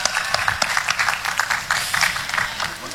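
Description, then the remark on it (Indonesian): A crowd applauds steadily for a few seconds, a dense, continuous patter of many hands clapping at moderate volume, with a faint voice murmuring underneath; an audience in East Kalimantan, Indonesia, clapping to thank Bank Mandiri at an association event. “Tepuk tangan yang keras.”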